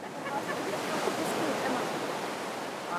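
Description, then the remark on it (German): A steady, broad rush of ocean surf washing onto the beach at Carmel, the waves blending into one continuous roar without distinct crashes, even in loudness throughout. “Der Strand von Carmel zählt zu den schönsten weit und breit.”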